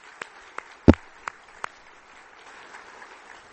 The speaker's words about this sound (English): So, yeah, we'll clap for that.